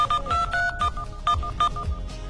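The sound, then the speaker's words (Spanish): A quick run of telephone keypad dialing tones as a mobile number is entered on the 119 service, option 2, to hear a message: about eight or nine short beeps in a brisk, steady rhythm, clear with no voices. “Ingresa al 119, opción 2, e ingresa su número de celular para escuchar el mensaje.”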